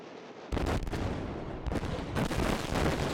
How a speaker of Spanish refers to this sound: Es la explosión controlada en el Danubio a su paso por Rumanía. El objetivo, desviar más agua hacia la central nuclear de Chernavoda y así tratar de mantener en marcha su último reactor.